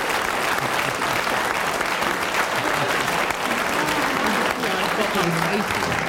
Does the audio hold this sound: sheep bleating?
no